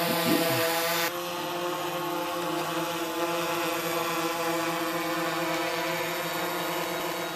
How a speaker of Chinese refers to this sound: 然而，在多山地区或城市，受地形和飞行区域的限制，用于航空拍摄的是轻便的多翼无人机。无人机成本低，操作灵活，成为现代考古工作的利器。